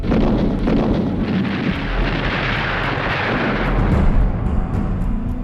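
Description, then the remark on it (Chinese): A dense, continuous roar of battle from Japanese army guns and artillery during the fighting in Shanghai in 1932, with heavy rumbling explosions and scattered bursts of gunfire blending into a loud, unbroken wall of noise throughout, with no voices. “然而在上海美专当老师还不到2年，蒋兆和平静的校园生活就被日军的枪炮声打破。”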